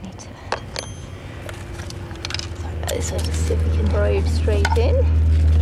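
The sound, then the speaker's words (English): A skewer is pushed into soil to make a hole for a contact microphone probe. It gives gritty crackles and scrapes with a few squeaky grinding moments, over a low rumble that grows steadily louder. “This will make a hole. So just putting a skewer in there.”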